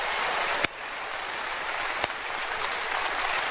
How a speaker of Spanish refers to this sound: Oh, dele gracias a Dios con ese aplauso, por favor. Gracias, Dios.